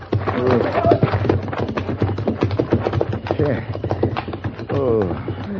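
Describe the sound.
Horses' hooves clip-clop in a steady, rapid rhythm throughout, fairly loud, with voices and other vocal sounds mixed in over the hoofbeats; the horses are being taken out in a hurry.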